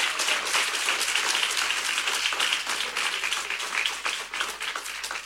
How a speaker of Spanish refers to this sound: La verdad que se ven todos maravillosos. Dese un aplauso al Señor por ustedes. Gloria a Dios.